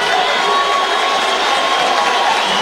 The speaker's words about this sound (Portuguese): Isso, sai o André Luiz, muito aplaudido pela torcida colorada, sai com a camisa 7 para a entrada do Emerson Urso com a camisa 70.